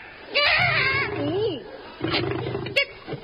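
A lion roars in two loud, throaty bursts, the first a long rising-and-falling growl, the second shorter and rougher after a brief pause.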